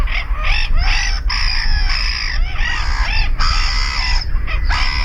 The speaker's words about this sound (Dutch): Zullen we ze dan voor de helderheid nog even allemaal op een rijtje zetten om de geluiden goed naast elkaar te horen? We zetten ze even op een rijtje. De kokmeeuw.